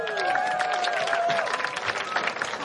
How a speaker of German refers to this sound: Und natürlich sind immer noch dabei Jasna Fritzi Bauer und Max Schimmelpfennig. Ein Applaus.